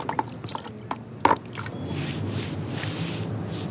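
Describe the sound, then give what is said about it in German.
Clicks and knocks from a tool against a container, then a steady wet swishing as thick liquid paint, self-mixed from pigments and a light binder for a ground painting on the Valois-Platz in Wilhelmshaven, is stirred and mixed, with no talking. “Wir haben die jetzt selbst angemischt mit Pigmenten und einem leichten Binder, weil es darf ja auch nicht so lange halten.”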